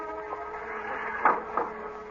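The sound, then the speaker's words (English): Two soft footsteps outside a house land about a third of a second apart over a steady, low mechanical hum. No one speaks. “Ah, I thought I heard footsteps outside”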